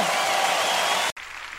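A crowd claps loudly in a dense, steady wash of applause that cuts off abruptly near the end, leaving a softer, thinner spatter of clapping.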